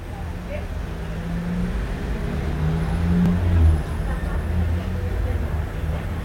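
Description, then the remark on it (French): Steady roar of traffic on Boulevard Saint-Germain, with deep engine hum as motorbikes, vans, an orange Deux Chevaux, a taxi, number 63 buses and a moped roll past; one swells louder midway before the continuous rumble settles back. “Boulevard Saint-Germain, une moto, une camionnette, une deux chevaux orange, un taxi, deux camionnettes, trois camionnettes dont une bleue, le 63, une moto...”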